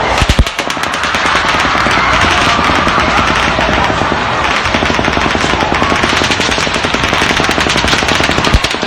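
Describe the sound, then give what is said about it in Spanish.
Rapid automatic gunfire in Las Vegas, fired by Stephen Paddock from the 32nd floor of the Mandalay Bay hotel into a crowd of more than 22,000 people, rattles in long, sustained bursts of sharp cracks, loud and continuous with brief pauses, over a dense wash of noise; no one speaks. “este varón blanco de 64 años haya disparado indiscriminadamente contra una multitud de más de 22.000 personas”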